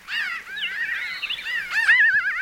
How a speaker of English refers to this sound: If you've ever been in pinyon juniper woodlands and heard the sound of laughter, the sound of a high-pitched crow, you may have encountered a pinyon jay flock.